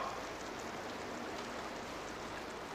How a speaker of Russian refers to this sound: Ну, дождь идет, видите?